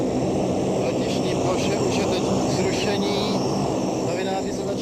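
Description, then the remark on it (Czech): A loud, steady roar of airplane engines running on the ground after landing as the plane stands and pilots and International Red Cross representatives get off, a dense unbroken drone with faint muffled voices mixed underneath. “Letadlo stojí, teď vystupují piloti a představitelé Mezinárodního červeného kříže.”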